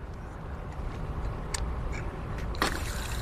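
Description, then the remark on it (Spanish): Water rushes steadily from an outdoor building maintenance spigot opened with a water valve key, a continuous hiss, broken by two brief sharp clicks or clanks partway through. “Esta es una llave de paso de agua. Muchos edificios tienen estos grifos de mantenimiento.”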